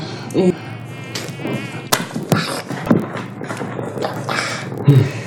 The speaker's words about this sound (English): Mosquitoes, you know. Yeah. It caused malaria.